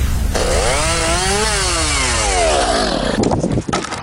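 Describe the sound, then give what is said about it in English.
A chainsaw, used by a neighbour doing storm cleanup, roars loudly, its engine pitch climbing as it bites into wood, then slowly dropping and winding down before cutting off near the end. “Your neighbour's trying to tackle a storm cleanup solo.”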